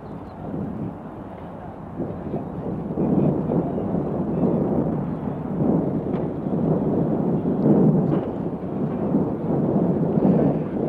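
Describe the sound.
A large crowd at Leningrad airport cheers and applauds warmly as Nikita Khrushchev and the president of Yugoslavia step out of a car bearing Soviet and Yugoslav state flags; a dense, continuous roar of clapping and voices that holds steady and swells slightly throughout, with a muffled, low-fidelity tone.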